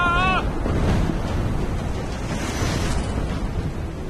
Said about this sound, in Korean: 저기 좀 봐. 쓰나미는 엄청난 파도가 계속해서 밀려오는 거죠.